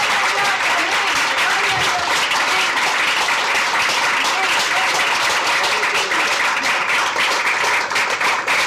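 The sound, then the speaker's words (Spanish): An audience at a church service bursts into sustained, loud applause for the Lord, a dense wash of many hands clapping together steadily for several seconds with a faint murmur of voices underneath. “Fuerte aplauso al Señor, hermano.”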